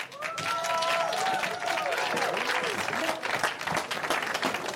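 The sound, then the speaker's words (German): Steady, dense applause from an audience at the close of the Pop-Off-Show at a park festival, for an adventure song just sung; a loud wash of many hands clapping with scattered cheers and voices rising through it. “Einen fetten Applaus dafür, bitte.”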